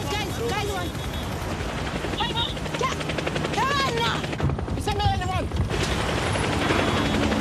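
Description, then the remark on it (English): A DHL helicopter's rotor chops steadily and loudly throughout, a dense rhythmic thrum that never fades, while voices and short tonal chirps rise and fall over the top. “A DHL helicopter and what looks like an Oracle Red Bull Racing F1 car.”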